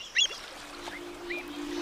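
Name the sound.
birds calling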